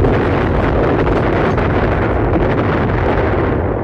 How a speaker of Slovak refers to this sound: Východný front, skorá zima roku 1914. Vzdialený rachot a dunenie kanonády Karpatského frontu ozvenou hory zostonásobené zunelo nám v ušiach.